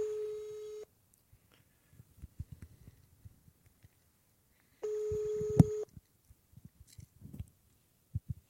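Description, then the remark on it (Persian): A steady telephone line tone sounds twice in roughly one-second bursts, with scattered soft clicks and taps of dialing in between and after, as a radio call-in show host phones a listener during open mic; moderately loud, no talking. “من دوستی بودن تماس گرفتم، من تلفنشون رو میگیرم.”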